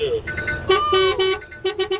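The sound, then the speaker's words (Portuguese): An alarm clock ringing with loud, buzzy, horn-like tones: a few short bursts, a longer sustained blare in the middle, then three quick repeated beeps at the end. “Ó, o seu despertador tá tocando aí, mano.”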